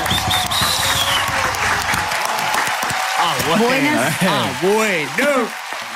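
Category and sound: crowd, studio audience applause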